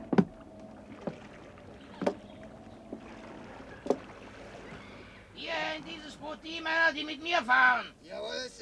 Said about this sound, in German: Die Männer kletterten in die Boote.